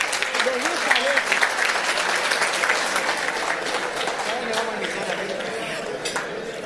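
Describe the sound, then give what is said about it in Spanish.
Steady applause from an audience at a celebration, welcoming the singers of the Colonia Suiza before their potpourri, fills the space, dense clapping holding at an even level throughout, with faint voices underneath. “Y ahora se viene un momento especial, se viene el pupurrí de los cantores de la Colonia Suiza, así que los recibimos con un fuerte aplauso nuevamente.”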